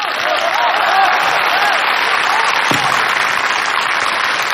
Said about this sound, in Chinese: 你听听大伙掌声够多么热烈。 知道大伙儿为什么鼓掌吗？ 大伙儿懂得欣赏艺术。